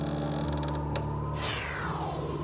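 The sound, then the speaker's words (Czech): A door creaks slowly open in the evening with a drawn-out, groaning squeal, followed by a brief rushing swell of air or movement as it swings wide. Moderately loud, with no voices. “Večer se otevřely dveře”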